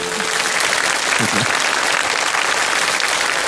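Steady audience applause fills the whole stretch, a dense wash of clapping at an even loudness, with a brief low voice murmur poking through near the middle.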